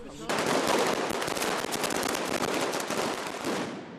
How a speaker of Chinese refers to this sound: 与此同时，西班牙马德里也爆发劳工游行，抗议者燃放鞭炮及红色信号弹，高喊工人阶级万岁等口号穿过街道。